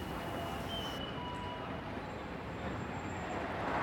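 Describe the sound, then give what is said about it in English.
A tram rumbles by amid a steady wash of city traffic, with a faint high metallic squeal from the rails riding over the continuous loud roar. “Between the tram. The traffic.”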